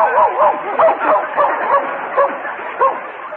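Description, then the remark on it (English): A watchdog barks over and over in quick, uneven bursts, fairly loud, with a slightly muffled, narrow tone and no pauses longer than a moment. “All you have to do is wake him up and he barks like everything.”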